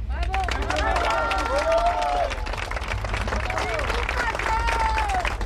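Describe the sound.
A crowd applauds steadily throughout, dense clapping at close range, with excited voices calling and cheering above it.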